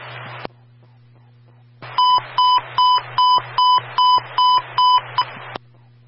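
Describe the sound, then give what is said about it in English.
A fire control radio emergency transmission test during an 800-hour radio test: about eight evenly spaced electronic tone beeps pulse steadily over a buzzing, hissy radio channel, clear and fairly loud, with static bursts before and after. “Sentinel Company, stand by for the emergency transmission test.”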